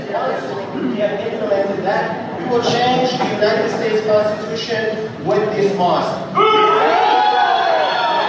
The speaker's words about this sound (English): So everyone's booing. So he starts out the speech there going, you know, we're going to change the Constitution. And everybody boos.